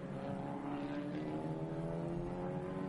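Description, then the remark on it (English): Two racing cars battle on a circuit, engines roaring in a loud continuous droning whine whose pitch climbs slowly over three seconds, with no voices. “This is outstanding racing by these two cars.”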